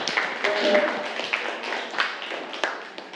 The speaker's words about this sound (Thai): เอาละครับน่าปรบมือให้กับเพื่อนนะครับนักเรียน